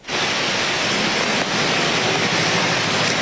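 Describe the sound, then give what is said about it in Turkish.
Heavy rain pours down in a street in Istanbul as a dense, steady hiss, loud and unbroken across the whole stretch, with no voices heard. “Yağmur devam edecek.”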